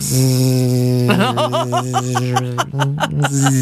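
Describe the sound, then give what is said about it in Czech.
A voice imitates a mosquito's buzz at night while lying in bed, with a loud, low, nasal drone that holds steady, then wavers and warbles in pitch for a few seconds. “Tak to by byl pořádný komár teda tohleto, to by byl pořádný.”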